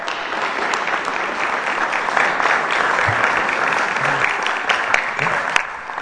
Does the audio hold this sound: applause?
yes